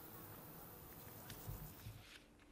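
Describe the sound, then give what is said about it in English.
A steady, low buzz of bumblebees hums through the outdoor air around planted lavender, with a few brief swells as one drifts closer before fading back into the background. “All this lavender smell and all this buzz of bumblebee makes me very peaceful and happy.”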